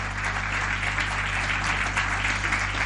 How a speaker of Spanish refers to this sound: ¿Cuánto le dan un aplauso grande al Señor y a su palabra?